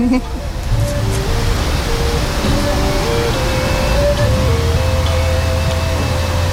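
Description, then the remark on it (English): A steady, unbroken, loud rush of flowing water fills the scene along a walkway winding from a plaza to a 44-foot-tall statue in Kansas, with soft melodic music from speakers hidden along the path playing faintly over it throughout. “This would be a great place to just sit and relax all day, listening to the music and hearing the water and seeing the statue.”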